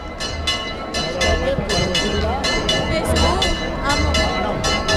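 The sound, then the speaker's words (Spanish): Church bells peal in quick, steady repeated strikes, their bright ringing tones sustained over a loud, continuous murmur of a crowd with overlapping voices, as people of Almonte carry the Virgen del Rocío in procession. “Se escuchan las campanas y la gente, sí.”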